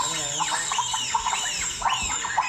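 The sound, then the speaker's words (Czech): A person's voice imitates bonobo calls: a run of about five high, squealing hoots that rise and fall in arcs, repeated in a quick, fairly steady rhythm, moderately loud throughout. “Nejsou to surikaty, jsou to šimpanzi bonobo.”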